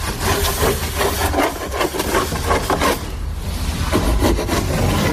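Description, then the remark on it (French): A hand saw cuts through a large wooden plank, the first side planking board for a wooden boat under construction. Its rasping strokes come fast and steady, with a brief pause midway and a low rumble underneath. No one speaks. “que vous êtes en train de couper, de scier?”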